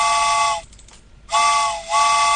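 A steam train whistle sounds two loud, close blasts separated by a brief pause, each with a breathy hiss around its piercing chord. No one speaks.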